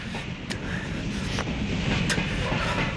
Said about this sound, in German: Zug da vorne am Lichterdreieck bringt uns fast nach Detroit.